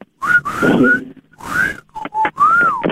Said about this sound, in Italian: Senti il fischio?